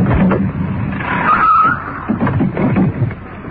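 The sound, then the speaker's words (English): A car approaching a plant with its lights cut rumbles along and brakes, its tires letting out a short, high squeal partway through before the engine noise settles and fades as the vehicle comes to a stop. “And we're approaching the plant now. Cut our lights. Getting it to a stop.”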